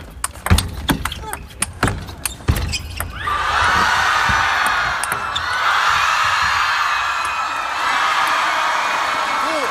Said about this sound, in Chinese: 这一盘确实很精彩啊，现场观众发出阵阵的惊呼。